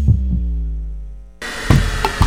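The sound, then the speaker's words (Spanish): A deep, muffled heartbeat thumps in pairs beneath a sustained droning hum, then keeps pulsing under a sudden wash of hissing, noisy texture. No one speaks. “La señal internacional que nació para escuchar los latidos de la patria grande.”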